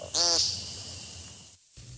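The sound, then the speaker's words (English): A single loud, buzzy, nasal peent call from a woodcock rings out near the start, then fades into a quiet outdoor background with low rumble. “our grasslands and young growth forests so the woodcock's powerful peents can be heard long into the future.”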